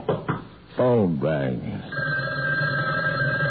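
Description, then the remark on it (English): A brief spoken voice gives way to a steady, continuous telephone ring for a long-distance call, a bright electronic trill that holds unbroken to the end. “It was at this point the phone rang.”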